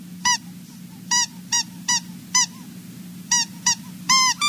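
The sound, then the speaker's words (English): A squeaky toy mouse, a gift for a cat to play with, gives about nine short, shrill squeaks in an uneven rhythm, some in quick pairs, over a steady low hum with no voices. “Look, it's a squeaky mouse.”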